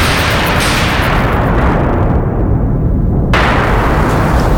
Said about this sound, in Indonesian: Langit mulai gelap menandakan akan hujan deras. Petir dan kilat bersaut-sautan di tengah angin kencang.